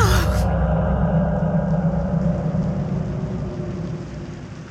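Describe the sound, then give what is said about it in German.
Steady rain patters against a window, a dense continuous hiss over a deep low rumble, loud at first and slowly fading over several seconds, with no voices. “Der Regen prasselte an das Fenster.”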